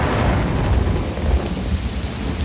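Steady heavy rain pours down with a deep, rolling rumble of thunder underneath, a dense, continuous storm wash filling the scene with no voices present.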